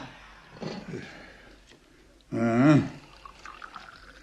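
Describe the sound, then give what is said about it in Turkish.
Freshly brewed tea is poured into tea glasses in a short steady stream lasting about half a second, rising slightly in pitch as the glass fills, with quieter clinks and murmuring voices around it. “Ben hemen bardakları bir dolduruvereyim.”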